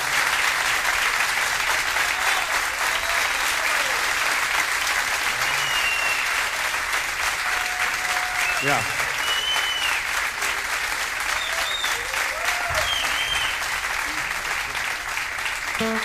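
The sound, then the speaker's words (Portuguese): Sustained applause from a crowd, a dense steady clatter of many hands clapping at an even loudness for the whole stretch, with a few faint whistles rising above it. “Um aplauso.”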